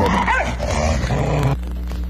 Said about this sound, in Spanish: ¿Un perro? Muy bien, un perro, y van 2.